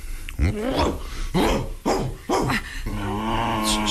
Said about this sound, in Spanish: ¡Estate en paz, perro, caramba! ¿No ves que espantas a la señorita?